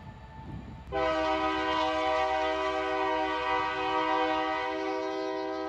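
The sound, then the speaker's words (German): The Crescent passenger train rumbles past in York, Alabama, USA, as a loud, sustained horn blast kicks in about a second in and holds steady, with low rail noise beneath and no voices. “Hier im Örtchen York in Alabama hat unser Crescent freie Fahrt. Da muss der Güterzug mal warten.”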